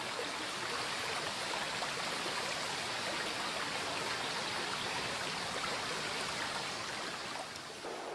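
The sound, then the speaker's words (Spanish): A river rushes steadily through a narrow mountain gorge, the Boca del Infierno, where the valley narrows to the riverbed, with a dense, continuous, loud roar of churning water holding an even level throughout with no voices. “Durante varios kilómetros el valle se estrecha, quedando reducido al cauce del río y desapareciendo sus márgenes.”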